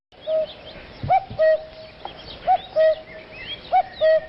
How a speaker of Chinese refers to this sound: 山野间传来布谷鸟催春的信息，居住在哀牢山区的彝族花裸人知道时候到了。